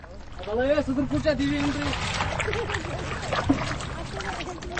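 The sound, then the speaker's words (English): Steady splashing and lapping of water as a small wooden boat with a wide cushioned seat and a canopy is rowed with a traditional heart-shaped paddle across a lake in Wooler, with a voice talking over the watery sounds. “and he's alternating between using the motor and skillfully rowing with the traditional heart-shaped paddle.”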